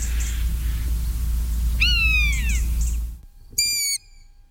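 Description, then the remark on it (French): A common buzzard gives two mewing, downward-slurred cries: the first drawn out over a low rumbling background, the second shorter and louder against near silence. “Le deuxième, c'est un rapace, c'est la buse variable, hein, le plus commun de tous nos rapaces.”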